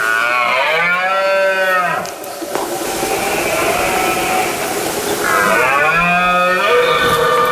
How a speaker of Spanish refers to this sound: Es la época del celo del ciervo y el corzo, por lo que el macho brama para llamar la atención de las hembras e imponerse ante el resto de los machos. Un sonido espectacular que consigue conectarnos con la naturaleza.